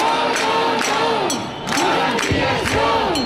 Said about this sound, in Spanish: Este ha sido el grito que se ha repetido una y otra vez a lo largo de toda la mañana en una manifestación a la que han asistido 5.500 personas, según la Guardia Urbana, 30.000 según los organizadores.